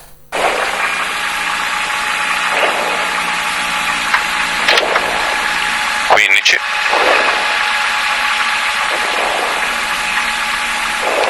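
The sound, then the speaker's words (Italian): A loud rally car engine roars throughout, heard from inside the car during a rally shakedown run, repeatedly revving up and dropping back between gear shifts, with one sharp rising howl midway. “Salite in macchina con noi, volume a palla, andiamo.”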